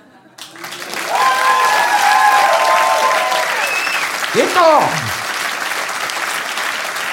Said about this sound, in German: Sie sagt voraus, dass ich am 30. Januar 2010 in Koblenz im Café Hahn auf der Bühne stehe und sobald ich mein Tagebuch schließe, einen Hammerapplaus bekomme.